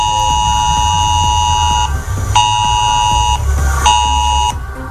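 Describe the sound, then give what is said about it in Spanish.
A loud, harsh electronic alert tone blares in three long pulses separated by brief gaps, a buzzing emergency warning siren for the public received on mobile phones near the port of Santander during a chemical-risk drill, with no talking. “Es que es una de las sirenas de aviso a la población para casos de emergencia en el puerto de Santander.”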